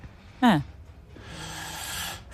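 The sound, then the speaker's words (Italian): A person snoring: a short, loud nasal snort that drops in pitch, followed by a long, raspy, breathy exhale. It sounds a little muffled, with no talking. “è già un bel russare.”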